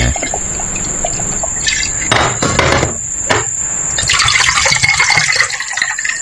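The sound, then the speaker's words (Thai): A drink is poured into a glass, a few short splashy bursts followed by a steady, hissing stream of liquid filling it, with no one talking. “มาขอหนึ่งแก้วหนึ่งแก้วมานี่มาละหนึ่งแก้วมาแล้วนะฮะ”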